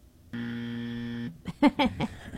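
A game-show style wrong-answer buzzer button is pressed once after a wrong quiz answer, a harsh, steady electronic buzz lasting about a second, followed by a brief burst of someone's voice.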